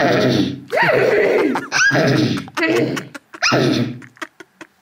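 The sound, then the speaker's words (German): A girl's voice imitates a horse neighing: loud, high, quavering whinnies in several bursts with rising and falling pitch, trailing off into a few short breathy snorts at the end. “kannst du noch mal wiehern, bitte?”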